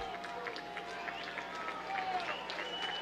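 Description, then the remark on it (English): A ballpark crowd at a baseball game, in a tie game in the top of the eighth inning with the bases loaded, keeps up a steady, dense roar of mingled voices and cheers, swelling a little louder past the midpoint, with no single voice standing out. “Crowd getting loud again.”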